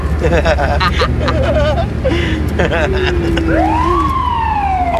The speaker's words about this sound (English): Did you turn the siren on?